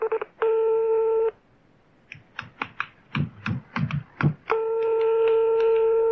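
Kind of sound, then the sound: signal or alarm, telephone dialing a call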